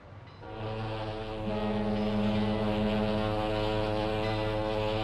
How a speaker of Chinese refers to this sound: 一声汽笛长鸣，从上海直达香港的客轮缓缓靠岸，原本清静的香港码头顿时热闹起来。